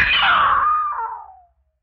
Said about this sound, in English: Yeah, I screamed.